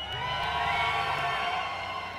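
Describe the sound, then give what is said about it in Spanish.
The front section of a concert crowd, moshing in the slam, shouts and cheers in a steady, dense roar with no pauses, a broad wash of many voices holding at a constant loudness for a couple of seconds. “A ver, queremos escuchar su grito de los de acá adelante, venga.”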